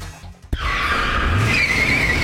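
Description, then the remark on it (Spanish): A car's tires skid with a loud, sustained high-pitched squeal lasting about two seconds, rising slightly in pitch near the end, after a brief thump and low engine rumble. “Oye, primo, me chocaron y me duele la espalda.”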